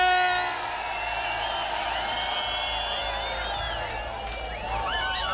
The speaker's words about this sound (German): So, und jetzt versuche ich hier in Epfenbach irgendwie in den Jubel reinzukommen. Epfenbach hat gewonnen!